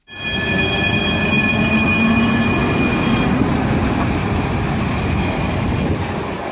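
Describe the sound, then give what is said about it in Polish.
A tram of line 46, running from Łódź to Ozorków, starts its symbolic last journey before the line's suspension on 4 February 2018, rolling along its rails with a loud steady rumble of wheels and motor and thin, high metallic whining tones for several seconds; no one speaks. “Tak brzmiał początek symbolicznej ostatniej podróży tramwaju linii 46 przed zawieszeniem 4 lutego 2018 roku.”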